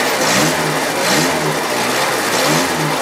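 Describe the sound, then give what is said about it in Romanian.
A Trabant's small two-stroke engine, running on oil mixed with petrol, revs loudly, its buzzing pitch rising and falling in repeated surges over a rough, rattly idle, with no voices. The vintage car has a body made of recycled materials. “Trabantul rămâne o curiozitate a tehnicii pe 4 roți, cu o caroserie din materiale reciclate și un motor în 2 timpi, care merge cu ulei amestecat cu benzină.”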